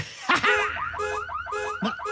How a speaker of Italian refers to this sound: Ma che cos'è questo suono assordante? Scusa. Oh, per tutte le galassie. Devo aver dimenticato l'allarme schiva asteroidi inserito. Puoi aspettarmi un momento? Vado a disinnescarlo e torno.